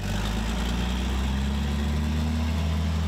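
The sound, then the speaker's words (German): A heavy racing truck engine idles at a Truck Grand Prix season opener on a race track, a steady deep rumble with strong low harmonics and a constant vibrating drone throughout, no voices. “Und wie viel die Motoren schlucken, kann man auch hören.”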